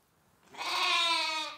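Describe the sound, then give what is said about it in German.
A single lamb bleat, where sheep with lambs are kept for milk at a sheep cheese dairy in Tetenbüll on the Eiderstedt peninsula, rises after a quiet moment and holds for about a second, fairly loud, wavering slightly before fading out. “Wo Lämmer blöken, da sind auch ihre Mütter nicht weit.”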